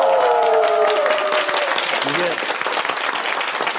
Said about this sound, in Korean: 그 박수 소리가 우리 명성제일교회에서 고스란히 그대로 믿음의 그 유산이 연결된 것 같습니다. 다시 한번 박수 한번 좀 부탁드릴게요.